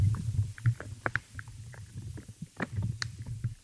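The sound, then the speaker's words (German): Soft pops and scattered crunchy clicks of life in the soil, recorded in the ground, sound irregularly over a low, steady rumbling hum. There are brief crackles and faint higher ticks, with no voices. “Also mal hat man ein kleines Ploppen, mal ein Knurpseln.”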